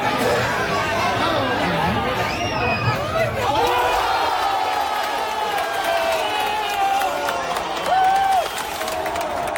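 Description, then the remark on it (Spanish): A packed bar crowd in Compostela cheers Pedro Porro's second-half goal: a loud, continuous roar of many voices with individual shouts and yells rising above the din throughout, swelling again briefly near the end. “La tranquilidad definitiva llegó en la segunda parte con el gol de Pedro Porro, que también se vivía de esta forma tan especial en locales de hostelería de Compostela.”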